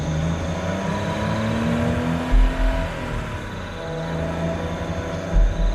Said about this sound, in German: Dann erreichen die beiden diesen Tunnel und das Auto nähert sich.